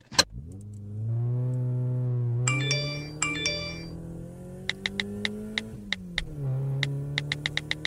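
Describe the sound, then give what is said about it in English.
A car engine turns over and settles into a steady hum that rises as it pulls away, with a couple of bright chimes and a run of sharp ticking clicks over the motor. “Thanks for the lift. No worries. Don't forget your seatbelt.”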